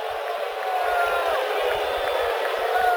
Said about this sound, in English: Crowd didn't like that call, but the Cardinals did not challenge.